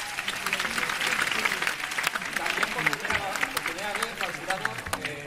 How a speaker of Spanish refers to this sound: bueno, nuestra felicitación también al jurado de la sección oficial a competición. Thank you very much for being with us in these days. Thank you. Un aplaudiment pel jurat.